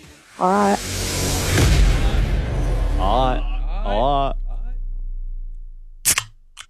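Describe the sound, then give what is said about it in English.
A soft drink can is cracked open with a sharp metallic snap and a brief fizzy rush, followed later by a couple of quick clicks, while voiced sounds murmur in the background. “Beer or soft drink based on the sound of the can opening.”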